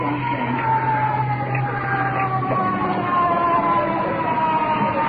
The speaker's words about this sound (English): Checking out the window. Ambulance with iron lung.